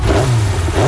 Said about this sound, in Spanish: ¿Eso era el ruido de la moto? A ver, ponele en marcha.